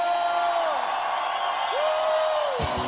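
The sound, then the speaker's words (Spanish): Two sustained whooping shouts of joy, each sliding downward at the end, rise over a dense wash of crowd noise that stays loud throughout. “Un grito de júbilo.”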